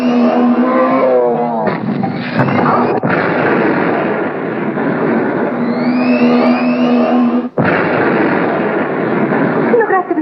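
Two cars approaching: a loud, continuous roar of car engines with droning whines and rising pitch sweeps, broken by a few abrupt bangs and sudden cuts.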